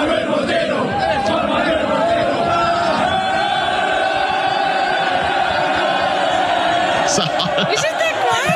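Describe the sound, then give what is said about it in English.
A large stadium crowd of Argentinian soccer fans roars in sustained, loud cheering as a man comes forward to claim his lost wallet that they found, many voices shouting and chanting together in a dense, continuous wall of sound, rising into sharp whoops near the end. “And then in fantastic scenes, the guy whose wallet it is comes forward and claims it, and listen to the crowd erupt.”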